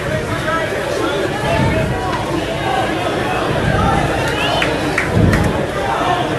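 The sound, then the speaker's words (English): A steady murmur of a large crowd at a baseball stadium during a Saturday game, many overlapping voices blending into a continuous hubbub with a few brief swells, without any single clear speaker. “Pretty good crowd on hand this Saturday.”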